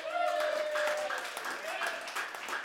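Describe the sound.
A crowd breaks into steady applause, dense overlapping claps mixed with cheering voices and a brief high whoop at the start, sustained and fairly loud throughout.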